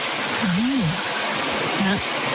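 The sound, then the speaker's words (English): Steady hiss of running shower water fills the whole stretch, with two brief low vocal sounds rising and falling beneath the spray. “Anyway, shower off.”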